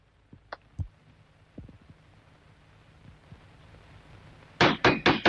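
Near the end, a fist pounds heavily on a door, four loud rapid blows in a row, after a few faint, scattered knocks and thumps in an otherwise quiet setting, as a father demands that his daughter open the door.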